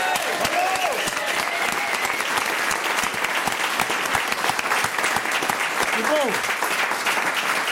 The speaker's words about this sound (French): Je propose qu'on leur fasse un tonnerre d'applaudissements.